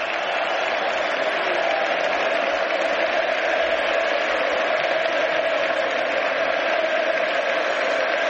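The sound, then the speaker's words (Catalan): A large FC Barcelona stadium crowd chants "Pedro, Pedro" for former player Pedro Rodríguez as he takes the honorary kick-off, a dense, steady roar of many voices that holds at an even loudness for the whole stretch with no single voice standing out. “Crits de Pedro, Pedro, 321 partits amb el Barça, 99 gols, alguns d'ells molt importants, i 20 títols, ni més ni menys.”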